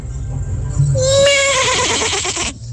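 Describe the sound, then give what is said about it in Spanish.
A person imitates a horse whinny with their voice, a loud, wavering neigh that rises sharply and then shakes downward for about two seconds, over a low background hum. “Un gallo. Es un caballo.”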